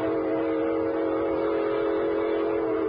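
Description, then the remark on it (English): A freight train whistle sounds steadily for several seconds as the train pulls out, a sustained harmonic tone over a low rumble, fairly loud with no voices. “She's pulling out.”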